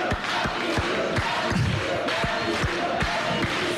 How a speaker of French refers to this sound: Alors on peut l'applaudir quand même